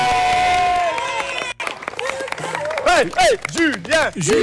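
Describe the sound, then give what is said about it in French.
A crowd bursts into dense, steady applause for the children at a school after a successful challenge, with high-pitched whoops and cheering voices rising and falling over the clapping. A brief sustained tone precedes it. “Allez, on applaudit les enfants.”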